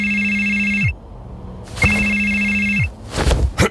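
A telephone rings twice, each ring a long, steady electronic trill heard up close, separated by a short pause, followed by a brief clatter like a handset being picked up.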